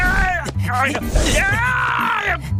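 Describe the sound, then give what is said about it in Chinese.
Xiong Er the bear's pained cry: a few loud, strained, wavering yelps followed by a long, drawn-out groaning wail, high-pitched and voiced throughout with no other sounds. “是熊二的惨叫声，他肯定是老醉了。”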